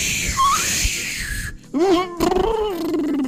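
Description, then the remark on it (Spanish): A voice mimics howling icy glacial wind as a sound effect for the unbearable cold of Alaska: a long, rising-and-falling whoosh with a breathy hiss, then a lower, wavering moan that slides and trembles for a couple of seconds. “¿Puedes hacer, pollito, el efecto del frío, del viento glacial?”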